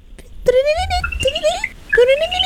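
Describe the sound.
A person's voice imitates the call of a tiny orange-colored frog: three squeaky, rising whoops, each sliding upward in pitch, fairly loud and separated by short gaps, with no other talking.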